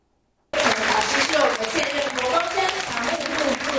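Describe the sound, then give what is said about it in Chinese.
Dense, steady applause from a large audience at a lecture at Fo Guang Shan Pumen Temple, welcoming Venerable Hui Chuan, Fo Guang Shan's executive deputy abbot. It begins abruptly after a half-second of silence and continues at an even, loud level, with a faint murmur of voices mixed in. “听众热情拍手欢迎佛光山常务副主持慧传法师的到来。”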